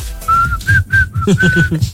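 Someone whistles a short melodic phrase, a series of clear sustained notes with brief gaps, close and fairly loud, with faint voices and room noise underneath.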